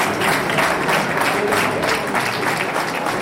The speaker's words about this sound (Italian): C'erano infatti famiglie, amici, parenti, diversi bambini, anche piccoli, in attesa di mamma o papà, e poi colleghi dell'esercito, la protezione civile, e sono stati accolti con un caloroso applauso.